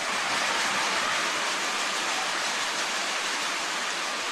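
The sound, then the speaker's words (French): A crowd at Stade Canac cheers on its home team, the Capitales de Québec, in a dense, unbroken roar that holds steady for the whole few seconds, with no single voice or break standing out from the wash of noise. “Et ça fait du bruit dans le stade Canac, Pierre. La foule encourage les siens.”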